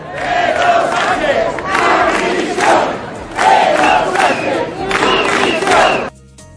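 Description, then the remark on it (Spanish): A large crowd of protesters chants the slogan "Pedro Sánchez, dimisión", aimed at the Spanish prime minister, shouting the same rhythmic phrase about three times in loud, steady waves before it cuts off abruptly. “Y una de las consignas que se gritaron los manifestantes fue dirigida al presidente del gobierno con el canto de Pedro Sánchez, dimisión.”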